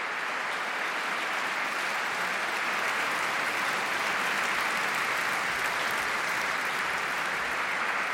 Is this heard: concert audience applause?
yes